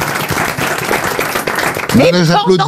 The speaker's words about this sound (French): Là, j'applaudis. Quand elle trouve un truc aussi, c'est pas facile de citer Timsit, et elle a trouvé. Là, j'applaudis, ça m'épate.